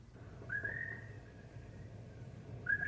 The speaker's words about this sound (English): Listen, even the birds sound lonely.